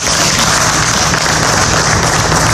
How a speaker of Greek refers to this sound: Συγγενείς και φίλοι χειροκροτούν τον ιατροδικαστή Χανίων την ώρα που αποχωρεί από το δικαστικό μέγαρο συνοδεία αστυνομικών.